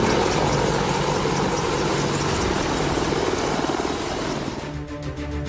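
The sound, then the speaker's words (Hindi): Loud, continuous rotor roar of Army AH-64E Apache and Advanced Light Helicopter Rudra military helicopters (three of each) flying from a helipad among sand dunes during a highway landing and takeoff exercise in the Jaisalmer sector. A dense engine drone with a rapid thudding pulse that eases slightly near the end. No voices. “इस दौरान रेत के टीलों के बीच बनाए गए हेलीपैड से थल सेना के 3 AH-64E अपाचे और 3 एडवांस लाइट हेलीकॉप्टर रुद्र ने अपना पराक्रम दिखाया।”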